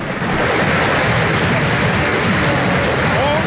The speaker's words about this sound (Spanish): A ver el cambio en Olimpia. Va el 20, la gente se pone de pie para aplaudirlo. Me refiero a Eduardo del Mas.